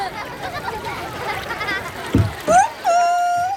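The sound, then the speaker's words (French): Water sloshes and splashes steadily as a small toy boat, pushed by the wind, sails across a large pond, followed by a sharp thump, a quick rising squeak and a sustained high whistle-like tone at the end. “Mon doudou est monté dans un petit bateau. Poussé par le vent, il file sur l'eau.”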